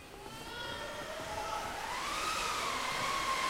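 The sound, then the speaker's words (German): An audience seated in Terrace 3A imitates howling wind on request for an imagined sailing journey, a sustained breathy 'whoo' whose pitch slowly rises and wavers, holding a steady, moderately loud level for several seconds. “Könnt ihr uns ein bisschen Wind machen für die Reise?”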